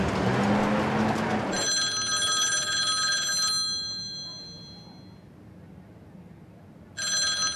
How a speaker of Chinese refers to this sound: 稍等一下，我先去接个电话。